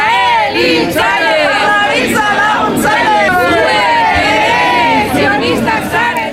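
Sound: crowd of protesters shouting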